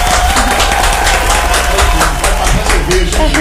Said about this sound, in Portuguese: Nós estamos completando exatamente hoje, 10 anos. Opa, então, pau. Palmas para o Laboratório Biomed, galera.